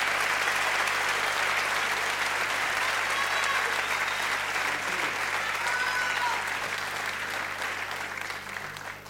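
Sustained, dense applause from a sizable audience, steady and loud for most of the stretch before tapering off slightly near the end, with a faint low hum beneath it.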